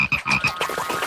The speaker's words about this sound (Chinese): 恐怖的声音不是怪物，也不是韩丁娜先生，那是大青蛙的叫声， 是牛蛙、啊。